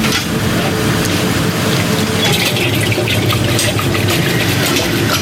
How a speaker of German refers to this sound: Also wir tun das jetzt in die Eismaschine rein. Die Eismaschine kühlt das Eis dann runter, macht die Bindung. Das kommt jetzt in die Maschine.